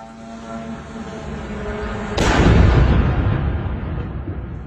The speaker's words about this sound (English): The sound of a Russian drone as it crashed into an apartment block in Romania on Thursday night.